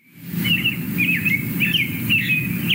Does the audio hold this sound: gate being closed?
no